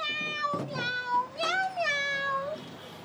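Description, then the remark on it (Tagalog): A cat meows, a couple of drawn-out, wavering meows in quick succession with brief softer sounds between them, heard alone against a quiet background. “Pero nga, ano, tingog sa tao ito nga kuringaw nga nagamiyaw-miyaw?”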